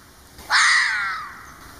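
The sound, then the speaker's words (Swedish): A single harsh, raspy fox call rings out loud and alone, a hoarse scream that starts abruptly, holds briefly and trails off downward in pitch over under a second. “Vet ni förresten hur en räv låter sådär på riktigt?”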